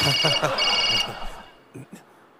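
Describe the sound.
A mobile phone rings with a steady, high-pitched electronic tone that sounds briefly over a speaking voice, then cuts off, leaving a couple of faint thuds.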